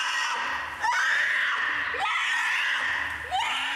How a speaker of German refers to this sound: Sofortiger Protest. Ein alter Eisbär. Ja, fein, so am Schreien hier.